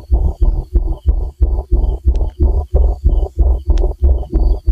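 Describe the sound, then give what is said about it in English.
A loud, low hum from a data center, recorded at the data center's fence at its original pitch, throbs in a steady, rapid pulse, about three beats per second, with a faint higher whine above it and no voices. “drove to the fence of the data center so he could record this pulsating hum”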